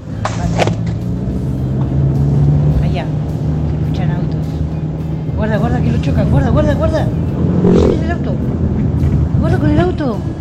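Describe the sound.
A car engine rumbles steadily for the whole stretch, a low continuous drone, while voices talk over it in the foreground.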